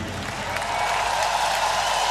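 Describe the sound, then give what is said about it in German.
A crowd at a live show applauds and cheers loudly for the stage, a dense, steady wash of clapping and shouting that holds at an even level for the whole two seconds, with no one speaking. “Platz bitte einmal so laut ihr könnt für diese Bühne.”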